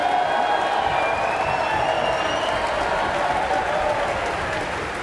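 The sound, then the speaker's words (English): A concert audience applauds steadily and loudly after a performance of Ravel's Bolero, a dense wash of clapping with some cheering mixed in. It is a cheer for the orchestra's snare drummer, principal percussionist Christopher Deviney, whom conductor Maren Alsop motions to stand. The sound holds without a break and eases off only slightly toward the end. “A big cheer for Christopher Deviney, the orchestra's principal percussionist, who had the demanding job of keeping an absolutely steady rhythm throughout the whole of Ravel's Bolero, as his colleagues in turn played their solo versions of the”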